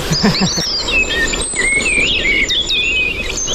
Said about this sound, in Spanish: Mirlo común.